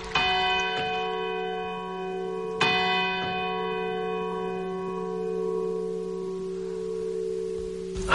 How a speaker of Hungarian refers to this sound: A háta mögött az Oroló Joe harangja 3 órát kongat.